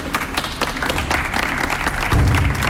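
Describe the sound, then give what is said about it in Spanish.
In Huelva, a crowd breaks into sustained applause at the end of a minute of silence. A dense, steady wash of many hands clapping at fairly even loudness, with a deeper rumble joining toward the end. “Pues ayer el pueblo de Huelva también dedicaba este aplauso al término de ese minuto de silencio para mandar ánimos a los venezolanos que también residen en Huelva.”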